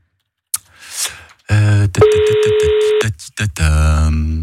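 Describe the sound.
A steady electronic ringback tone sounds for about a second through a phone line, flanked by muffled voices and line noise before and after.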